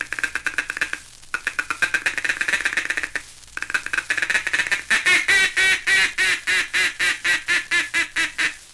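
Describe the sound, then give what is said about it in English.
A duck call, used on ducks coming in to decoys, runs through a fast, rattling feeding chuckle in short bursts with brief pauses, then shifts into a steady string of about a dozen loud, evenly spaced contented quacks, clear. “That's the time to give them the confidential chatter of the feeding chuckle, cramming in an optimistic quack, quack, quack, quack, quack, quack, quack of contentment as they come nearer and nearer like this.”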